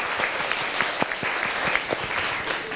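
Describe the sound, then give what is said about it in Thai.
A classroom group applauds group 1 for a few seconds, with steady, dense clapping from many hands and some sharper individual claps standing out. No one speaks over it. “โอเคดีมากอ่ะขอเสียงปรบมือให้กลุ่มที่1หน่อยค่ะ”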